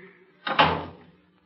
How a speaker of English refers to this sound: But, Mr. Edwards, locking the door. Say, what's the idea?